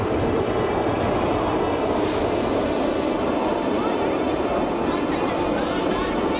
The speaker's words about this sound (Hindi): मेरठ के मोहिउद्दीनपुर के new integrated township में आयोजित एयर शो में सूर्य किरण एरोबेटिक टीम ने अपने पराक्रम का जोरदार प्रदर्शन किया। इस दौरान हॉक MK-132 विमानों की गड़गड़ाहट सुनकर लोग रोमांचित हो उठे।